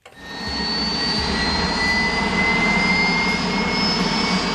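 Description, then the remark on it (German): A white Spanish armed forces helicopter lifts off into a blue sky at the Valley of the Fallen, Spain, with a loud, steady roar of engine and rotors, a high turbine whine climbing slightly in pitch as it rises. It is continuous, with no voices. “Langsam steigt der weiße Hubschrauber der spanischen Streitkräfte in den blauen Himmel.”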